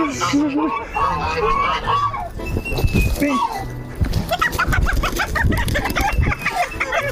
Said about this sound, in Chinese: 哇，你看这个公鸡， 这些智能土鸡长出来第五只脚趾，好长呀，这是真老土鸡， 还是可以啊，没抓过鸡，第一次，这腿太有劲了，哎。